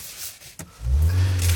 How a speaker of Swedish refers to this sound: Ska jag sätta bara igång bilen också? Den är automatväxlad i alla fall. Nej, men varför startar inte bilen nu då?